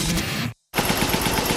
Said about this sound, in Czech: Funguj ty, křápe. Já to musím dneska dodělat. Kliknul vám kompresor?